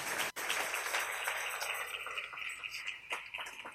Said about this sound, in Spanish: Dale un aplauso al Rey en esta maravillosa y hermosa tarde.